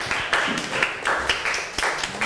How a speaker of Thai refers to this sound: ค่ะโอเคค่ะขอเสียงปรบมือให้กับเพื่อนกลุ่มที่1ของเราด้วยนั่นเองนะคะ